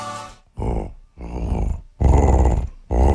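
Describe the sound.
A person mimics a jaguar's growl, producing four rough, throaty growling bursts separated by short pauses, loud and close to the microphone, with the last ones the strongest.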